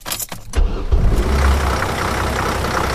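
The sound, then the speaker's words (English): A University of Alabama Crimson Ride campus bus engine running: a few sharp clicks at first, then a loud, steady low rumble with a broad hiss of road and motor noise. No one speaks. “Drivers for the Crimson Ride Bus System and Crimson Concierge serve as a kind of circulatory system”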